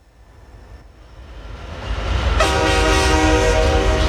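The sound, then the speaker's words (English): A low, rumbling train sound swells steadily, then a loud, sustained train horn blares in halfway through and holds to the end over the continuing rumble, as the intro of a song. No one speaks. “Get on board the choo-choo.”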